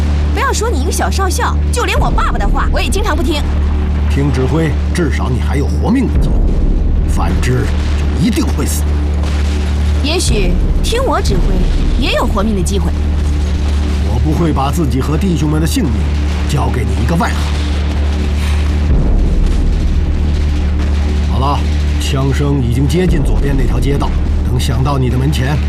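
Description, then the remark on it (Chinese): Loud, sustained gunfire and deep booming explosions rumble continuously, a dense battle din with no quiet gaps, while voices can be made out faintly beneath the noise. The gunfire is approaching the street on the left. “好了，枪声已经接近左边那条街道，等响到你的门前，我们的讨论就没有任何意义，所以。”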